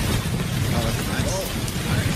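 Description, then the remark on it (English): Steady, dense rain drumming on a roof, a continuous hiss of countless drops over a low rumbling undertone, holding an even loudness throughout. “Number one is rain on a roof or window.”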